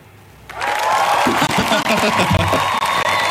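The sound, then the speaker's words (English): A canned burst of crowd applause played from an applause button kicks in abruptly after a brief quiet moment, loud and dense with scattered cheers and whoops, sustained steadily to the end. “Pushing your own applause button.”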